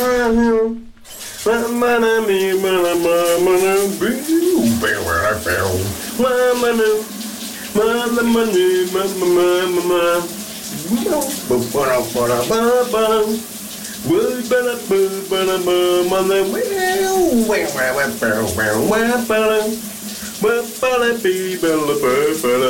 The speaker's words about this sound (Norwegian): Det er altså et ikonisk hit, han synger i bruseren i dag. Kan du høre, hvad det her er for en sang?